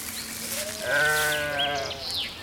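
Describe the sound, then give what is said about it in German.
A single sheep lets out a long, wavering bleat lasting about a second, loud and harmonic, with faint chirping sounds in the background and no talking. “Nun will Conny auch wissen, wie sich Schafe anfühlen.”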